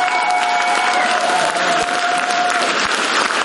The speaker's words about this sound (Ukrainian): Його гумор змушує забиту залу підвестися на ноги. Енеїду вітають овацією.